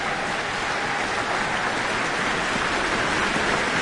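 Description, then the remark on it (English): A concert audience applauds, whistles and cheers steadily and loudly for a piano soloist's performance, a dense, continuous roar of clapping with no let-up and no one speaking. “And there are lots of whistles and cheers from the audience for this rather spectacular performance.”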